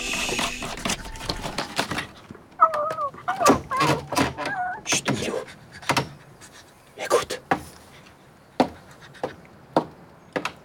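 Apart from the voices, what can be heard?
owl hooting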